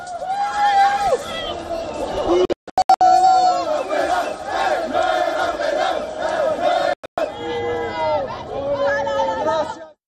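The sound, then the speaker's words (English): A dense crowd of Morocco football fans roars and chants, celebrating a win after the final whistle, voices overlapping in loud, continuous singing and cheering, with a couple of brief dropouts partway through. “The win sent Morocco fans into a frenzy. They were seen hugging each other, singing, dancing.”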